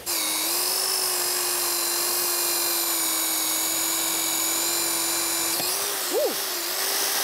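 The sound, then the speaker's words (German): A small high-speed drill whines steadily while boring a hole into a tree trunk, its shrill, even pitch holding for about six seconds before a brief wobble and a quick wind-down. No voices. “Ach, die Spitze ist noch dran. Na bitte, ein Loch.”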